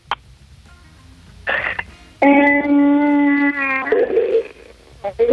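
A dog howls in one sustained, wavering note lasting over a second, bracketed by shorter whimpering whines before and after, loud against a quiet background.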